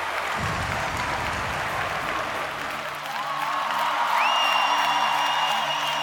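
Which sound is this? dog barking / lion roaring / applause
applause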